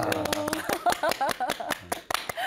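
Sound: loud clapping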